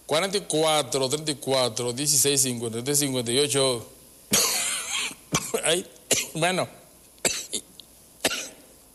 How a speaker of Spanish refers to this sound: Ay, hijo, se me hace que me están haciendo brujería, porque de repente sentí la tos y antes venía muy bien.